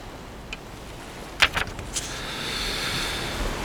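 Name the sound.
ocean waves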